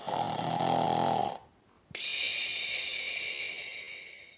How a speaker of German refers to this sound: schläft immer noch tief und schnarcht ganz leise.